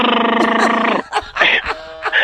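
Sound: voice imitating a fart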